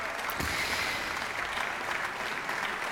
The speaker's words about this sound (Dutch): Het applaus dat je hoort is voor het residentieorkest en voor dirigent Leonard Elsenbroeg. En je hoorde hun live uitvoering van de suite Pelleas en Melisande van Jean Sibelius.